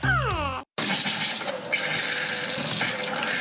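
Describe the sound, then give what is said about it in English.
A brief descending electronic tone gives way, after a short gap, to water running steadily from a tap, a continuous rushing splash that carries on without pause and with no voices. “When your water stops flowing, A1 Plumbing gets things moving again.”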